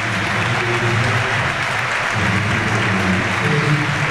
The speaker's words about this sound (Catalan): Ara sí, atenció, Mestalla, o almenys gran part, d'en peu, és l'ovació per Pedri.